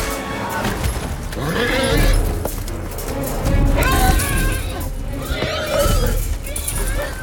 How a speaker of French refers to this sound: Par exemple, alors dans ce film, Chevaux de guerre, est-ce que ce que l'on entend, donc on est sur une scène où normalement c'est ils souffrent, ils sont un peu massacrés, et on entend ces cris de chevaux.